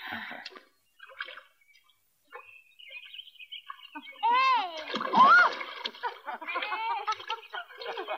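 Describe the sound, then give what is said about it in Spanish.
Water splashes in short, irregular bursts while voices talk and laugh over the sloshing, with a louder, busier stretch of splashing toward the middle and end, as someone is put into the water. “¡Ay, que me mojo! Si fueras valiente como yo... ¿Qué opinas? Te meterías en el agua.”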